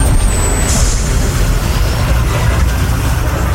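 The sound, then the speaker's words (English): A bus rumbles with a heavy, steady low engine drone, and a thin high hiss briefly rises at the start as it pulls up at a bus stop. “Later that day, Antonio was excited to see his father at the bus stop.”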